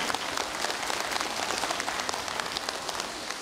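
Steady applause from an audience at a gathering of the city's Buddhist temple association, given for the monks, fills the whole stretch, a dense wash of many hands clapping at once, moderately loud and sustained without pause or voices.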